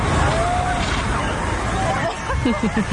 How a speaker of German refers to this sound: In Berlin gab es sogar eine Abkühlung aus dem Wasserwerfer. Wir würden jetzt einen Wassernebel rechts über den Gehweg auf die Wiese abgeben. Wenn Sie möchten, dürfen Sie sich gerne in den Sprühnebel reinstellen. Sauberes Wasser, Wassermarsch.